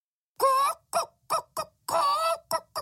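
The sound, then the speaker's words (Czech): A hen clucks loudly in two runs of squawky calls, each a drawn-out cackle followed by a few short, quick clucks, with no talking. “Místo toho jen kdákala a překvapeně poulila oči.”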